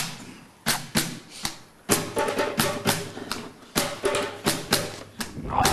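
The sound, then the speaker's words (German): A djembe drum is struck by hand, playing a rhythm requested by an audience member, in a loose rhythm, sharp slaps mixed with deeper thumps, starting sparse and then breaking into quicker clusters of beats at a fairly strong level. “Und Sie dürfen sich jetzt einen Takt von uns wünschen, den wir Ihnen vortrommeln würden.”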